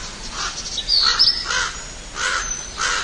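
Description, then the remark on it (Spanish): A crow caws harshly about five times at a steady, unhurried pace, with faint higher bird chirps in the background and no one speaking. “También el cuervo con plumas de todos los colores.”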